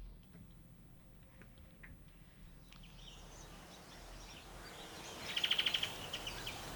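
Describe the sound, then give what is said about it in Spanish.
Birds chirp over a steady hiss of background noise, with a quick, bright burst of high repeated notes near the end followed by a few scattered tweets. “Con pajaritos y todo.”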